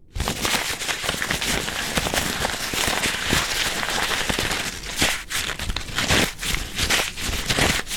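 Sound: handmade paper being crumpled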